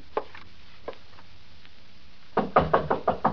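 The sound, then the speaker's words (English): A couple of faint, isolated taps, then a pause, followed by a firm series of about five rhythmic knocks on a wooden door. “Door's open. Come on in.”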